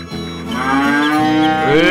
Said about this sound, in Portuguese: Esse é boi. É boi.